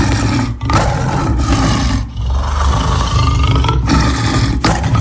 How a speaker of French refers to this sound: Oh là là, ça fait peur. Oui, des rugissements d'un tigre.